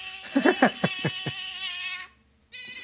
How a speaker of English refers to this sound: What is that? Sorry, it was a mosquito in the studio. No, seriously, what is that? She must have played a little bit of a sound effect.